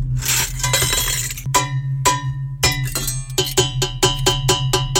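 Stainless steel pots clank and ring, starting with a jangling rattle, then a few spaced metallic strikes that quicken into a rapid, rhythmic banging over a low steady hum. No one speaks.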